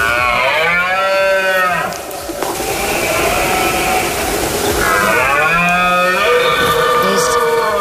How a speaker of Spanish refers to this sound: Es la berrea, la época de celo del ciervo que atrae a cientos de visitantes hasta nuestra provincia